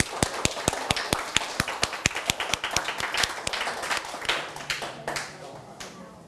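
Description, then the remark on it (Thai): A group of students applauds their classmates after a class activity, with quick, steady hand claps that gradually blur into a looser patter before fading out, fairly loud, with some faint voices underneath. “เอาล่ะปรบมือกับเพื่อนด้วยครับนักเรียน”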